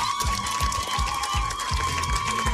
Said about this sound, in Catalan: Heu fet una boníssima participació, per tant, podeu marxar orgullosíssimes. Per tant, un altre aplaudiment per a aquestes concursants, sisplau.